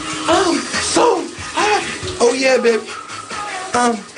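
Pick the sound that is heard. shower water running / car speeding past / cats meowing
shower water running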